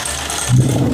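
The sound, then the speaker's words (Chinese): A low motorized whir with a rattling edge kicks in halfway through as dice are rolled and spin inside an automatic electric mahjong table at home, moderately loud, with no one talking. “夸一打骰子，起。”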